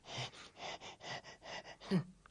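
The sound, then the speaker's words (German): A voice imitates a broken printer groaning and wheezing: a run of about eight breathy, rhythmic huffs, ending in a louder strained groan with a rising vocal squeak. “Dann ist der Drucker kaputt.”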